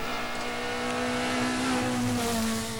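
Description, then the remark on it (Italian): A rally car's engine drones steadily as the car arrives at the service park, a rich buzzing tone that holds fairly even and rises slightly in pitch toward the end, with no voices. “Si stanno iniziando ad arrivare le vetture qui al parco assistenza, c'è stato un momento di pausa, invece adesso stanno rientrando.”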